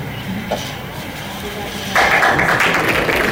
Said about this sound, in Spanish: Aplausos cerrados para Martín Arrau, el nuevo ministro de Seguridad Pública.